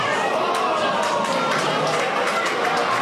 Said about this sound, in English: But the room was so full of fans, others sat shoulder to shoulder on the ends of pool tables, decked in green and gold. The hum of the pub punctuated by sudden gasps, then quiet, then a collective yell and applause.